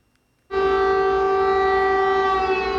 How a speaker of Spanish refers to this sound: Las sirenas avisaban de ataque aéreo, pero no de su magnitud.